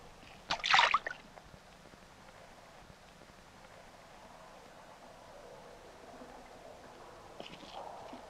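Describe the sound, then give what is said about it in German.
A single sharp splash of a fish in water, bright and loud for about half a second, then calm, low ambient quiet with faint trickling for the rest. “Habt ihr das gehört? Das war bloß ein Fisch.”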